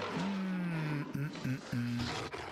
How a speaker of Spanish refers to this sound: A los alumnos, a ver vos, si estás en la selva y escuchás un rugido, ¿qué pensás que es? Y bueno, profe, seguramente será una fiera salvaje.